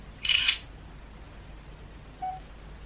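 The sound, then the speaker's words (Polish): A short, crisp electronic camera shutter sound rings out at the start as a photo of a jar is taken by pressing key 1 in a photo program, followed a couple of seconds later by a faint, brief beep against a quiet background with no talking. “I naciskam 1, by zrobić zdjęcie. Wykonywanie zdjęcia.”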